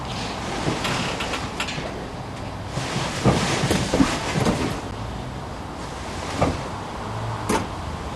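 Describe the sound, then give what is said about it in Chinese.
Bed springs in a bed replaced last year creak and squeak as someone turns over, a run of irregular, rubbing creaks that swell in the middle over a steady low hiss, with no talking. “这床一翻身，里边弹簧有声啊！”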